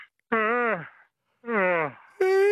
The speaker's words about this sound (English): Shall we try it? I'll just have a yawn and see if you get one.